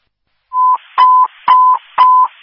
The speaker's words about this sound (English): Mason Fire, these are cancellation tones for 211 Kiwanis. Again, cancellation tones, time now is 7:43.